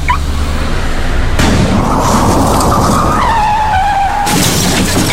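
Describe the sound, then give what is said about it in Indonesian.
Tires screech in a long, loud skid with a wavering high squeal, broken by sudden crashing impacts at the start and end, with no one talking. “Parkir sembarangan dapat mengganggu pengguna jalan lain dan bisa berakibat kecelakaan lalu lintas.”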